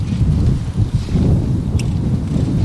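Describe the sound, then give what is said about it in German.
Strong wind roars steadily and loudly across a former Formula 1 race circuit near Solda, about 45 kilometres west of Maastricht, a dense low rumble buffeting the microphone with gusty surges throughout, no voices present. “Der Wind bläst heftig auf dem früheren Formel-1-Rennkurs bei Solda, das gut 45 Kilometer westlich von Maastricht entfernt liegt.”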